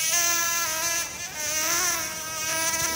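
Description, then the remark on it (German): A mosquito's high, thin whine drones steadily for a few seconds, its pitch wavering slightly up and down, with a brief dip in the middle before it resumes. No one speaks. “Aber von nervigen Mücken bekommt man dieses Jahr bisher auffällig wenig mit.”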